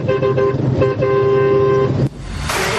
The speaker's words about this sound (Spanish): Ahí va la bocina.